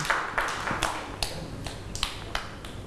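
Children clap for another child in a loose, uneven run of about eight sharp smacks over a few seconds, moderately loud, with no talking over them.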